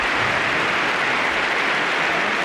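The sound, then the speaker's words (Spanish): A stadium crowd of about 70,000 applauds a returning player, joined by the whole team and coach Cholo Simeone, in a dense, steady roar of clapping that stays loud and even throughout, with no distinct voices rising above it. “Aplaude todo el público, aplaude todo el equipo, aplaude también el Cholo Simeone.”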